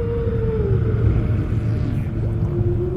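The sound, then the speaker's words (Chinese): Humpback whale song underwater in reef waters of Polynesia, central Pacific: a long, mid-pitched moaning call that slowly slides downward, then another drawn-out tone rising later, all over a steady low rumble of water. No talking. “声音在水下可以传播得更远，鲸的歌声可以横跨整个海洋。”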